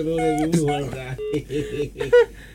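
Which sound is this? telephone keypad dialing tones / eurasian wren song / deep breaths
telephone keypad dialing tones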